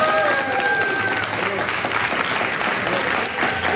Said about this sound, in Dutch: Maar eerst een keer live applaus, dat is wel een keer leuk ook. Waar was dat applaus nou, voor ons of voor mevrouw Van der Wal? Ja, ik denk voor mevrouw Van der Wal.